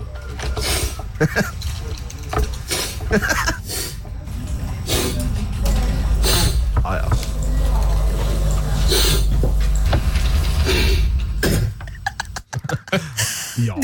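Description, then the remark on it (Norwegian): A compilation of separate nasal sniffs from the past week, placed one after another: a rapid string of short, breathy nasal sniffs at an uneven pace over a steady low rumble, with a brief spoken word near the end. “men hør på det her sammensuri av snufsing.”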